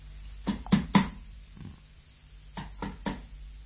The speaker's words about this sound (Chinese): 敲门啦， 好啦。